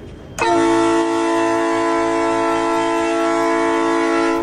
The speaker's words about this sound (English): It's a real train horn. It's a real horn. Yeah. Yeah. You're hitting a button and it's actually going.